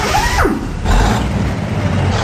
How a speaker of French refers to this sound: Écoutez bien comment démarre un camion de 38 tonnes au Canada. Ça donne ceci.